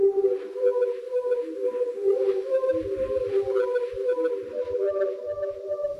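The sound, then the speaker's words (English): A steady, hollow whirling hum from a plastic pipe, like one from a vacuum cleaner, swirled around as an instrument, holding sustained mid-pitched overtones that waver slightly as it spins, with faint low thumps underneath in the second half. “Yeah, no, look, it was just a plastic pipe, like from a vacuum cleaner or something, and you swirl it around and it goes It plays the same sounds that a bugle that's playing the last post would make.”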